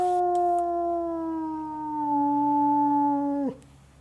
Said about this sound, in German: Das sind die Wölfe. 15 Uhr ist Fütterung.